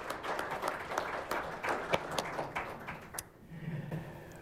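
An audience applauds an introduced guest with dense, steady clapping that gradually thins out toward the end, leaving a few scattered claps and a low murmur.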